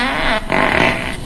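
A loud, buzzy fart under a blanket rips out in two bursts separated by a brief break, the second one long and rattling before cutting off. No one speaks.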